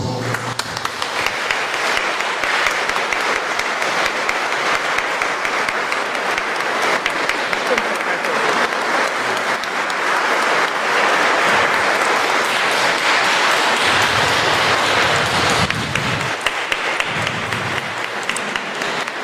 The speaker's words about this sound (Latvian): Un, protams, lūdzu aplausi.